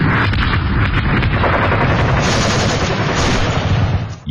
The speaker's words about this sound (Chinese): 1933年夏，沿着中央苏区越来越苏小的边界，枪炮声再次隆隆作响，国民党军对中央苏区的第五次围剿开始了。